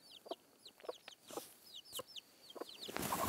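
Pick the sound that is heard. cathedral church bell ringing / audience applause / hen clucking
hen clucking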